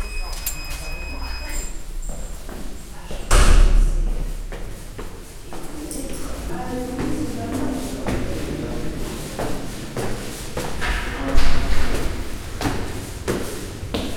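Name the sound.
door opening and thudding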